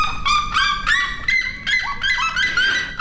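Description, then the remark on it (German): A loud, raucous bird call repeats in rapid yelping bursts, a red-legged seriema's harsh, far-carrying cry with rising harmonic notes, continuous for the whole stretch, as it calls to its partner over a short distance in the Brazilian savanna. “Genauso wie es vielleicht auch den Rotfußjeremas aus irgendeinem Grund einfach gefällt, ihren Partner über kurze Distanzen in der brasilianischen Savanne anzubrüllen.”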